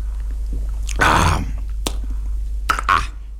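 A loud, wet mouth smack with a short gulping burst as a man drinks from a glass in an old pub, then a few sharper lip clicks. No one speaks.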